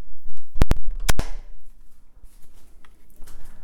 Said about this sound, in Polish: W trybie easy otwieram, zamykam drzwi. Teraz delikatnie otwieram i zamykam drzwi. I zamykam.